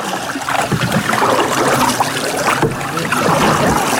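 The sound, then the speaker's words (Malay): Water laps and ripples steadily around a small boat, with a continuous wash and occasional soft splashes. No voices can be heard. “Di tengah riak segar anakan, internet membawa Kampung Laut lebih dekat dengan dunia.”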